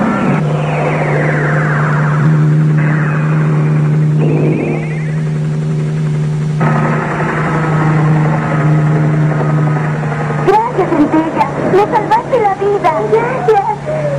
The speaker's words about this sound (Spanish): Centella, ¿y ese helicóptero? Es del señor Dogma, un misterioso personaje que liberó a los prisioneros y se los llevó.